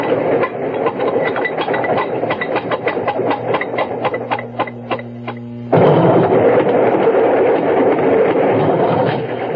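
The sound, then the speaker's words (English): A train wagon rumbles along the rails with a steady clickety-clack of wheel beats, a low droning hum building midway before the rattling grows suddenly louder and denser. “Glad to get out of that wagon.”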